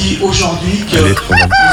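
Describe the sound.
A man's voice imitates a rooster crowing, a loud cock-a-doodle-doo with strained rising and falling pitch, ending in a high drawn-out cry, live on Radio FMR at the associations forum in Rumi.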